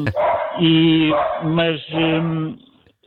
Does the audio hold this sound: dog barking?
yes